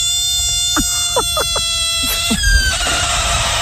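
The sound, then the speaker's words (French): A frog lets out a series of short, shrill squealing cries in quick bursts over a steady high-pitched hum, with no one talking. “Non, c'était la grenouille.”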